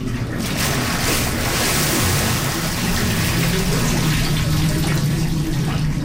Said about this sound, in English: with the help of four volunteers, he steps into a stone bath. They say a prayer together, and then, when the pilgrim's ready, the helpers rock him back into the cold mountain water.